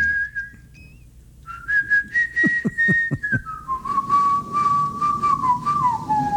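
A person whistles a catchy pop melody as a guess-the-tune phone-in game on the show Good Morning BT, holding long notes that slide between pitches, with a few soft thumps partway through and no talking.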